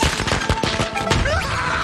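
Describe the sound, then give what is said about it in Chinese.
A string of firecrackers bursts in rapid, irregular cracks and pops, loud, crackling continuously for a couple of seconds with no voices. “鞭炮，我最怕的东西， 正是鞭炮，走你！”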